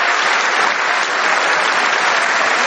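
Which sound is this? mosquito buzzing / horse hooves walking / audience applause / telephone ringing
audience applause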